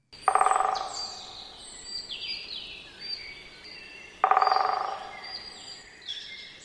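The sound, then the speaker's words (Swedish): Two short, intense bursts of great spotted woodpecker drumming, each a rapid roll lasting about half a second, several seconds apart, with other birds singing softly in the background. “Så det är en kort trumning som den större hackspetten har.”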